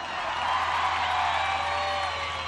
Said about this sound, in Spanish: ¡Fuerte el aplauso!